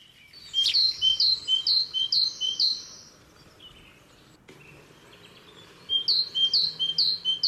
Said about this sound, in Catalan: Sí, aquest és el... La tintipella... Tintipella, Sí, que és un dels noms populars de la Mallarenga Carbonera.